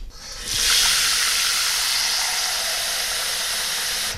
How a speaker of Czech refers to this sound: Začneme tedy houbami. Čili já dám teďko do hrnce trochu vody.